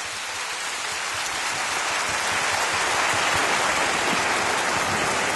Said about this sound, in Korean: 다시 한번 공연해주신 분들께 뜨거운 박수 부탁드리겠습니다.